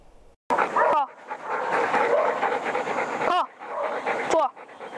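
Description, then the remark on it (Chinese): Three police dogs in subject training led by a female police dog handler bark and yelp in short, sharp bursts near the start, middle and end, with steady panting and busy, dense noise between calls. The dogs are 8-year-old narcotics dog Fahai, 7-year-old evidence-detection dog Taiyang and 4-year-old young dog Nikou. “正在带领三只警犬开展科目训练的女警”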